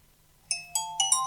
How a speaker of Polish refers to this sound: Dzwoni. Połączenie.